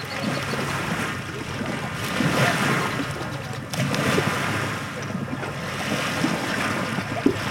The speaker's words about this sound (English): The waves lap at Huntington Beach.